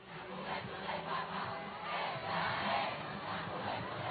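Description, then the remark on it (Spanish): A huge crowd of more than 650,000 young people in Spain greets Pope Leo XIV arriving in the Popemobile. They roar and chant continuously, a dense wall of cheering voices and applause swelling in waves from start to finish, with no single voice standing out. “Entre aplausos, cánticos y un mar de banderas de España, el pontífice rompió el ritmo previsto de la jornada para acercarse a los fieles y saludar uno a uno a quienes llevaban horas esperándole.”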